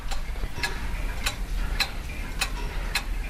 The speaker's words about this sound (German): Das hier ist das leise Ticken aus dem Uhrmachergeschäft Zeit und Klang.